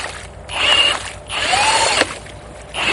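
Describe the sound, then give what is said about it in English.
Researchers' big ice core drill grinds into ice inside a dug hole to retrieve a 3-foot-long piece of ice, in repeated bursts: a harsh mechanical whir that rises, falls briefly quiet, then starts again, with no voices present. “Then they put a big drill inside one of the holes to retrieve a 3-foot-long piece of ice.”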